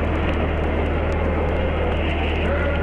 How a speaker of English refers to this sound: Ignition sequence starts. 6, 5, 4, 3, 2, 1. Zero, all engine running. Liftoff, we have a liftoff. 32 minutes past the hour. Liftoff on Apollo 11.